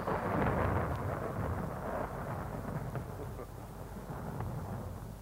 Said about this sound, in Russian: На дворе гроза собирается.